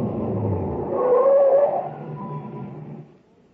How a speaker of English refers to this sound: No, stop here, by the reactor equipment building. What for? Just stop the truck.